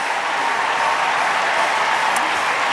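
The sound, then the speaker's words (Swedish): A large stadium crowd at an athletics event applauds and cheers steadily for a new gold medal for Great Britain, a dense wash of clapping and voices that fills the space without letup, sounding broad. “Ja, det där tyckte ju publiken om.”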